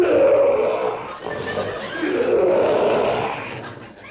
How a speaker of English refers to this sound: Wasn't me, fresh guy. That's that lion in that cage over there. Oh. Ferocious-looking beast, ain't he?